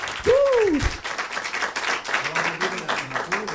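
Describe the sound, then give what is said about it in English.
Steady audience applause for a music performance, dense clapping that carries through the whole clip, opening with a loud rising-and-falling whoop and with faint voices calling out beneath the clapping. “Thank you for the applause and your music.”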